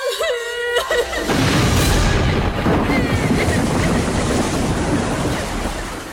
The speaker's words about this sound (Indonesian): Ombak semakin ganas menggulung kedua kapal itu.